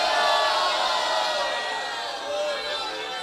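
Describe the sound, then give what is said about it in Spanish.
An audience in Amayas shouts praise to God ("gloria a Dios") together in a loud, sustained burst of overlapping voices, like a crowd cheering, for a few seconds before easing slightly. “Grite un gloria a Dios.”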